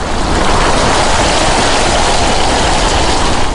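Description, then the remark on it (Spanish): A steady, dense hiss of heavy rain pattering against window glass, continuous and fairly loud throughout with no pauses or voices. “Tan solo la lluvia golpeando los cristales, haciendo que creciera su ansiedad.”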